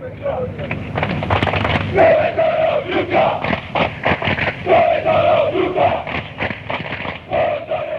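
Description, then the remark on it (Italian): A large stadium crowd of rival football supporters loudly chants 'Dove sono gli ultra' ('Where are the ultras') in unison as a taunt. A sustained sung melody rises over dense roaring voices, with rhythmic clapping or drum hits throughout. “Dove sono gli ultra, questa si grida la tifoseria avversaria quando loro non si presentano lì, o quando sono in pochi, o quando arrivano tardi, o quando non ci sono davvero.”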